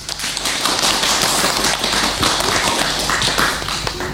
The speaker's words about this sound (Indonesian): Alhamdulillah, penampilan teman-teman sangat baik. Tepuk tangan untuk TK Baklico.